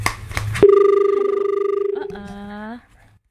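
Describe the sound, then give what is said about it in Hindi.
An incoming telephone call rings on the line with a steady, buzzing electronic tone lasting a couple of seconds, shifting pitch near the end, after a few brief clicks at the start. “एक कॉल आ रही है तो कॉल हम ले लेते हैं।”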